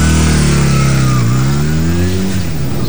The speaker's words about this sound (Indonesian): Siapa itu yang bikin ribut kah? Gas-gas motor di sini.